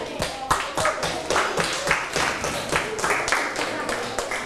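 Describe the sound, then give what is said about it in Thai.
A class of students clap for classmates who answered every question correctly, a quick, uneven patter of many hands, steady and fairly loud for several seconds, with a few voices murmuring underneath. “กลุ่มไหนตอบถูกหมดทุกข้อบ้างยกมือครูดูหน่อยโอ้เก่งมากปรบมือเพื่อนหน่อย”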